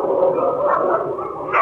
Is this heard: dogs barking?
yes